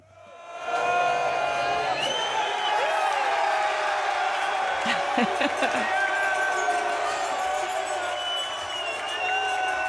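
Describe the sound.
A packed crowd at Finnegan's Pub in Miami roars and cheers at the full-time whistle on a Saturday night, voices shouting and whooping over one another at a steady, loud level, with a few sharp yells cutting through the din.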